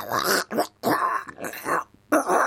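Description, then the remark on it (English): A person does a Donald Duck voice impression: four raspy, gargly bursts of squawking, garbled chatter separated by brief pauses, fairly loud with no other sound behind it. “So I will take Donald Duck impressions, because everybody used to, back in the day, think they could do an impression of Donald Duck.”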